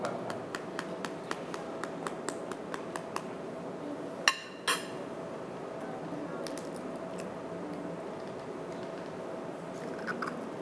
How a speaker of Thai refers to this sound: ใช้ช้อนนะครับตอกไข่เลยครับระวังนะครับอย่าให้เปลือกไข่นั้นนะครับตกลงไปนะครับค่อยๆนะครับ